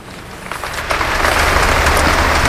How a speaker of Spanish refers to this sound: Lo que estás escuchando ahora mismo en directo son los aplausos al discurso que ha dado su santidad el Papa León XIV aquí en la Abadía de Montserrat